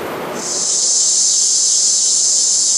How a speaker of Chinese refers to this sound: 这夏天知了来了， 蝉鸣声， 蝉鸣声。